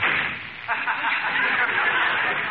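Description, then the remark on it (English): A door slams shut with one sharp, loud bang that cuts through a steady hiss of background noise, which carries on afterward. No one speaks. “Is the door still on the hinges”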